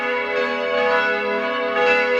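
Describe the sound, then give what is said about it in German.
Church bells in Salzburg, Austria, ring the midday bells at 12 o'clock in a full, sustained peal, their overlapping tones blending into a rich, steady wash of ringing with no voices present. “In gut 10 Minuten ist es 12 Uhr, dann hören Sie hier bei uns in Radio Salzburg wieder die Mittagsglocken”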